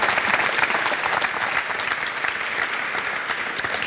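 Steady audience applause, many hands clapping in a dense, continuous patter at fairly high loudness throughout, with no voices standing out.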